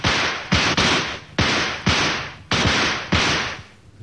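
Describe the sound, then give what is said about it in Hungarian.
Ten loud, sharp gunshots, fired at a shield set at the base of a tree, ring out about every half second, each crack trailing into a ringing, echoing decay that overlaps the next. No voices are heard. “Duella, kezdjük. 10 lövés.”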